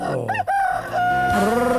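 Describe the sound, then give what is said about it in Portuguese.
A rooster crows once, a loud, drawn-out call that rises and then holds a long, strained note before trailing off. “galo, galo, galo, galo, galo, galo, galo, galo, galo cantando”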